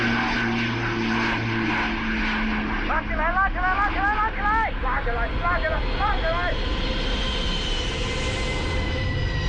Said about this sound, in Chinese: 飞机立即加速，同时拉起机头进行复飞。 拉起来了，成功了！ 飞机又升到了天空。